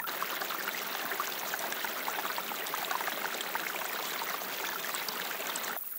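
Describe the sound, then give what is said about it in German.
Water bubbles and splashes steadily from a small spring in the rock at the foot of the Bartberg in the Kaiserstuhl during a drought, a continuous gurgling rush with no pauses, no voices present. “Am Fuß des Bartbergs sprudelt eine Quelle aus dem Felsen, die trotz der Dürre nicht versiegt.”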